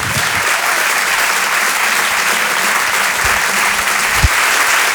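Sustained applause from an audience at the Rire et Chanson Comedy Club welcoming a comedian to the stage: a dense, steady wash of many hands clapping at an even loudness for the whole stretch, with no voices over it.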